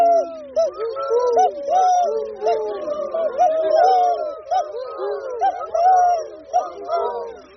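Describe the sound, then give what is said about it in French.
Several human voices imitate a turtle dove's cooing, overlapping in soft, rolling purrs that repeat steadily for the whole stretch. “Et la tourterelle, c'est tout, tout, tout.”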